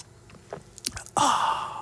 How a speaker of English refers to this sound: Wait, I need a sip of my coffee. 1 second.